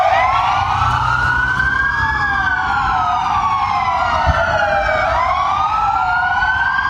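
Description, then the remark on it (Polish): Police car sirens wail continuously as police stop their cars across Poland around noon and switch on their sirens, several overlapping tones rising and falling in slow sweeps, loud and steady throughout with a low rumble of traffic or engines underneath. “Policjanci na Dolnym Śląsku, ale również w całym kraju zatrzymali się na chwilę, włączyli sygnały świetne dźwiękowe w radiowozach.”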